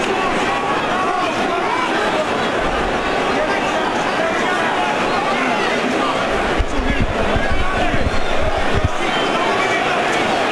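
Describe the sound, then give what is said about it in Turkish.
A large arena crowd at a boxing match roars and chants to encourage a fighter in a steady, dense wall of noise, swelling louder toward the end, with thumping low rumbles beneath the din. “Taraftar yüreklendirmek istiyor Joshua'yı.”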